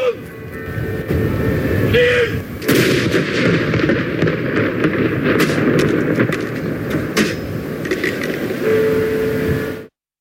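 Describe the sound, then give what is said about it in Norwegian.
An artillery gun salute fires in Norway in honour of the late King Harald, with several heavy booming blasts at uneven intervals over a steady, rumbling background wash. A brief tonal whine rises over the noise at times. “Samtidig ble det avfyrt salutt til ære for den avdøde kongen.”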